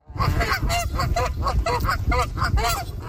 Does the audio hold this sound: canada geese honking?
yes